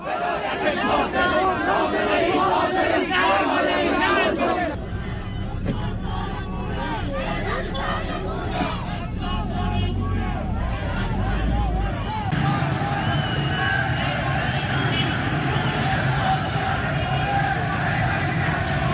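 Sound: protest crowd shouting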